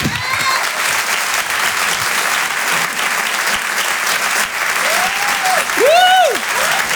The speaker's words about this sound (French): Merci d'applaudir très fort, s'il vous plaît